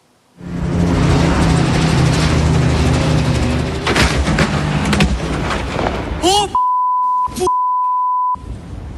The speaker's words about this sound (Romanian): Accident aviatic în nordul Italiei, un elicopter a explodat în zbor sub privirea șocată a fratelui pilotului. Ambele persoane aflate la bord și-au pierdut viața.